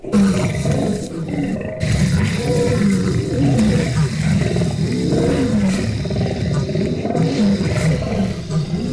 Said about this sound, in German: Löwen sind bei den Lieblingstieren immer weit vorne mit dabei. Und es klingt ja auch cool.